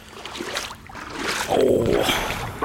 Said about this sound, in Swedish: Vill du höra lite vågskalp? Och det vill jag ju.